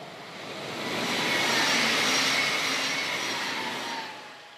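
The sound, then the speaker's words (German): A train rolls past a measuring antenna at 50 km/h with about one third traction power, a broad rushing roar that swells to a peak midway and eases off, with faint tonal whine from the drive, no voices. “50 km/h an der Antenne vorbei.”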